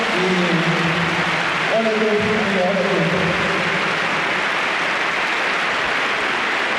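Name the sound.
stadium crowd applauding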